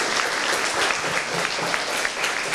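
Steady applause from an audience, a dense crackle of many hands clapping at an even loudness throughout, with no voices heard over it.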